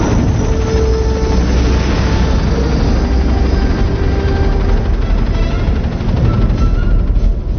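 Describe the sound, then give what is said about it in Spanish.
Three helicopters approach the front of spaceships, roaring loudly and continuously, a dense, rumbling engine and rotor wash that stays steady throughout, with no voices. “Los tres helicópteros se están acercando a lo que se ha acordado unánimemente es el frente de esas naves espaciales.”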